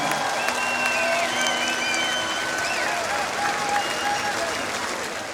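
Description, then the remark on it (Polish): A large crowd applauds steadily at a concert for the peaceful patrol and medical patrol after an intervention ends, a dense wash of clapping that holds loud and even throughout, with faint cheers and whistles threaded through it. “Wielkie brawa dla pokojowego patronu.”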